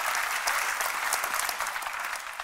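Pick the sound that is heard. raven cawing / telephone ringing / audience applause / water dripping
audience applause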